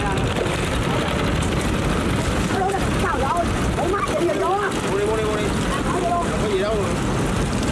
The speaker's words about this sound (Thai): ต้องชมกันจริงๆนะครับว่าเขาขับเรือกันได้เก่งมากๆอย่างเรือเล็กๆที่แทรกอยู่ในตลาดขายส่ง